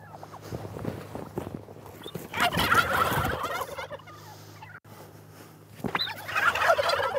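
A flock of turkeys gobble in loud, warbling bursts, one near 2.5 to 3.5 seconds and another toward the end, over a low steady hum with some shuffling movement between calls.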